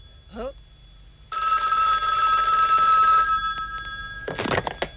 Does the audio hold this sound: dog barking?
no